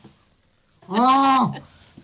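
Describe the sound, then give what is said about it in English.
A person's voice imitates a jackass penguin's donkey-like braying call: one loud, drawn-out honk with a rising then falling pitch, lasting about half a second amid near silence. “I can do one call, which is not quite donkey, but they basically sound like donkeys. They used to be called jackass penguins.”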